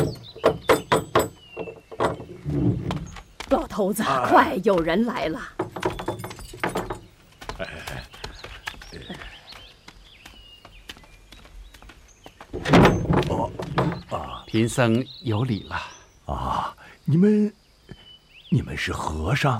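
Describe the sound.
A quick series of hollow knocks on a wooden door, fairly loud, followed by people talking, with a few more thuds scattered through the conversation.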